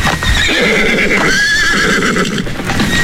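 A horse whinnies loudly and at length, its high wavering neigh rising and falling while hooves clip-clop steadily underneath, clear with no voices.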